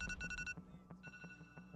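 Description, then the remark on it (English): An electronic alarm sounds with a rapid run of sharp, pulsing beeps that then settle into a steadier ringing tone, fairly loud, with no voices. “An alarm.”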